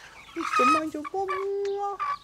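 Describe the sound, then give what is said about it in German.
White Rock hens cluck and call: a few short, rising clucks followed by a long, steady, drawn-out note and a final short cluck, fairly loud throughout. “Das sind die White Rock Hennen.”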